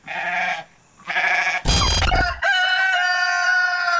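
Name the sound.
rooster crowing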